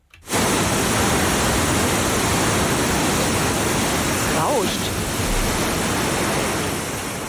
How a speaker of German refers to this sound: Es rauscht einfach nur. Ja, das, ich gebe mal einen Tipp, ist das Rauschen von der Leinewelle? Ah, dann ist es hier, Rapid Surfing. Absolut richtig. Rapid Surfing auf dieser künstlich angelegten Surfwelle an der Leine